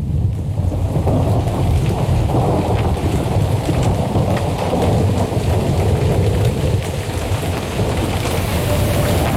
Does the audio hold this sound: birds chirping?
no